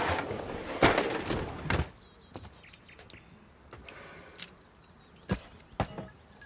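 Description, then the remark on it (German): A kitchen drawer slides open with a rough scraping rush, followed by scattered clicks and light metallic clinks as utensils are rummaged through and a corkscrew is picked out. “wo ist der Weinöffner? Schublade rechts.”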